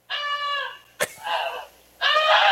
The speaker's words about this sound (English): That's actually the actual goose itself.